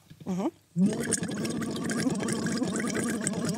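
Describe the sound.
Steady bubbling as someone blows into water through a tube held lightly on the tongue, a hummed voiced tone running through the gurgle, after a brief rising vocal sound and a short pause.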